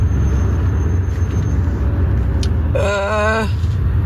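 Steady low rumble of a borrowed car driving while being checked over, heard from inside, then near the end a brief, wavering high-pitched squeal from the brakes for about a second as the driver brakes.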